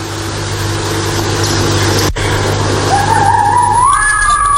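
A fox call rises as a thin, wavering whine in the last couple of seconds, partly buried under a steady, loud rumbling background noise that fills the whole recording.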